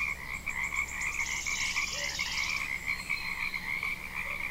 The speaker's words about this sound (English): How do those frogs, and I'm assuming I still have an audience, how do those frogs and birds sound?